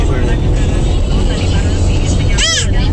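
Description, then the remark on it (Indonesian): Several tour buses driving downhill from Batu toward Karanglo rumble steadily past, a loud continuous roar of heavy engines and road noise, with a brief wavering squeal cutting through near the end. “Oh, ada banyak, ada beberapa bis pariwisata nih kawan, yang turun dari Batu arah ke Karanglo.”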